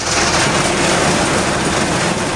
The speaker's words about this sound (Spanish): Está el sonido en La Guancha, que se está produciendo fuertes lluvias y viento que están provocando diversas incidencias.